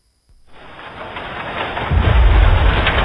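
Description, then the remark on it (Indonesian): Steady rain hisses after a near-silent start, joined by a deep rumble of thunder that swells low and loud toward the end, with no voices. “Mama, boleh nggak aku main hujan?”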